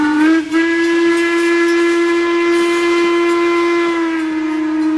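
A loud steam train whistle of the WMSR ice cream train in the Appalachian Mountains blows in one long, steady blast, with a brief dip near the start before it settles into a sustained, hissing, reedy tone with no voices.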